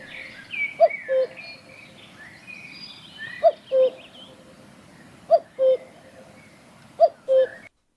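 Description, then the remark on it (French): A small bird calls a clear two-note phrase, repeated four times at steady intervals, while other birds chatter and sing faintly in the background. “Cette petite victime qui n'a que deux notes jouit pourtant d'une grande célébrité.”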